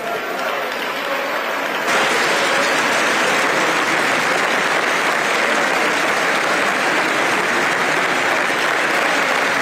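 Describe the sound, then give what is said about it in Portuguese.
Sustained, dense standing ovation from the Chega party benches in Portugal's parliament as André Ventura calls for minister Luís Neves to resign, steady and loud throughout, swelling sharply after about two seconds into a continuous roar of clapping with no voices standing out. “André Ventura aqui a pedir a demissão de Luís Neves com aplausos de pé da bancada do Chega.”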